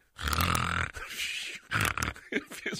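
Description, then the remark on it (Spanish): A man's voice mimics snoring with a long, rough, rattling inhale followed by several shorter raspy snorts, loud and gravelly, with no words spoken. “No es que yo ronque, nomás quiero hacer el ruido como que yo ronco.”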